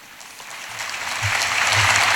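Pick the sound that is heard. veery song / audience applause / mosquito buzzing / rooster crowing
audience applause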